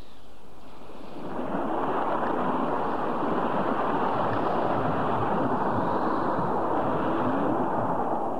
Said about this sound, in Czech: To je zvláštní, jak rychle se změnil vítr. Tlačil nás zezadu a teď máme vlny i vítr na levém boku. Musím stočit loď o 45 stupňů.